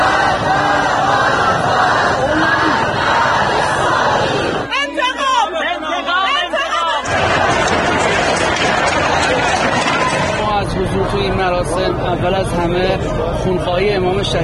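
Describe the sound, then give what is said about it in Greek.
A large mourning crowd shouts and chants continuously in a dense, loud roar of many voices, crying curses against the Americans and the Israelis, with a brief stretch of overlapping cries and wails before the mass shouting resumes. “Το πλήθος θρυνεί, αλλά υπακούει στις εντολές των φρουρών. Συχνά πυκνά αντιχούν οι κατάρες κατά των Αμερικανών και των Ισραηλινών.”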